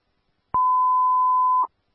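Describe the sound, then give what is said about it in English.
A single steady fire dispatch alert tone for Rio Vista Station 55, sent for a first alarm structure fire on Melrose Landing Street, sounds for about a second, loud and clear, with a click at its start and end; no voices are present. “Rio Vista Station 55, standby for tones for a first alarm structure fire, 2363 Melrose Landing Street.”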